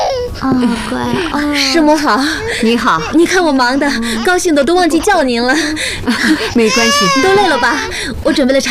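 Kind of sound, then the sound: human body sound, small baby crying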